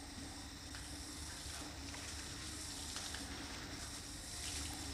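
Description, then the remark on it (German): A steady stream of water pours from a watering can as a Kneipp Oberguss (upper-body affusion) water treatment, a continuous soft, hissing splash that holds an even level for the whole stretch, with no voices. “Der Oberguss, den Pfarrer Kneipp früher eigenhändig und ohne Temperaturregelung mit der Gießkanne verabreichte.”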